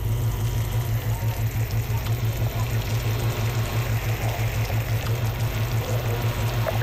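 Sugar sizzles and bubbles in a pan over medium to medium-low heat as it caramelizes, a steady crackling hiss that runs unbroken throughout, with a faint low pulsing hum underneath and no talking.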